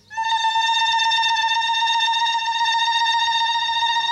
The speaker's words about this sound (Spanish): Apague mi alarma, por favor. Necesito alarma.